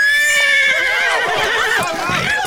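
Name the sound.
horse neighing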